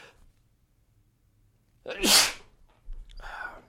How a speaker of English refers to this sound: You ever hear anyone sneeze on air? I don't think you usually do, but you did.